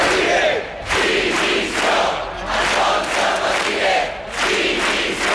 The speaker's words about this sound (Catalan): Són alguns dels crits que s'han sentit aquest migdia a Palma en contra de les càrregues policials que hi va haver en la manifestació de diumenge contra el turisme massiu.